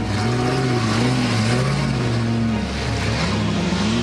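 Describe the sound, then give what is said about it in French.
A race car driving on a circuit: its loud, steady engine drones with a low, wavering hum over broad rushing noise. Its pitch dips briefly and then climbs again, as if the car is accelerating. No one speaks. “Bon, il y a une voiture qui va arriver, donc je vais me mettre avec toi et puis on va regarder s'il fait tout dans les règles.”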